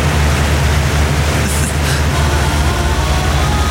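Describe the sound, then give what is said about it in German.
An electric fan runs at full speed, giving off a loud, steady rushing whoosh with a low droning hum underneath that never changes over the few seconds. “Und ich habe nie verstanden, warum ein Ventilator auf volle Bulle immer klingen muss wie so ein Airbus A400M.”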